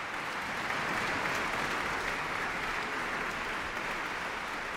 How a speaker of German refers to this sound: Erst einmal ist es ganz still in der Sala Teatro in Lugano und dann bricht laut der Applaus los.